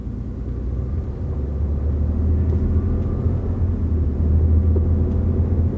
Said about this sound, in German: Zentrale, hier Helikopter Wispy 02. Bisher keine Personen gesichtet.